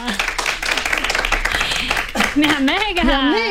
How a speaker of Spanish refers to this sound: ¡Un aplauso para ella!